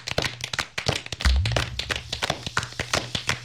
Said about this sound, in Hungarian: Tapsoljuk meg Farkas urat. Remek volt.